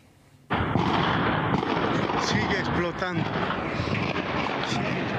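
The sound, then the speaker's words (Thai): Repeated explosions at a military camp in Viacha, western Bolivia, about 30 km from La Paz, in an area once used to store chemicals, during the afternoon. Heavy, continuous rumbling blasts and booms roll on without pause after a sudden onset, loud and dense, with faint voices shouting amid the din. “นี่เป็นภาพอีกมุมหนึ่งค่ะทำให้เห็นกลุ่มควันลอยฟุ้งกระจายทั่วบริเวณใกล้กับค่ายทหารที่เกิดเหตุระเบิดมีเสียงระเบิดดังขึ้นติดต่อกันหลายครั้ง”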